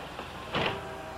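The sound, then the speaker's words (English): A bus's rear door, unlocked by the driver to let a passenger off at a bus stop, opens with a single brief mechanical whoosh and rattle over a steady low interior hum, with no voices. “Mr. Staley must unlock the rear door before anyone can get off.”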